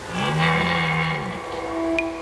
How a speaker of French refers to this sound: Pendant la saison des amours, les brames du cerf retentissent dans toute la forêt. C'est un cri très particulier, un son rauque. Dans la nuit, il pourrait presque donner la frousse.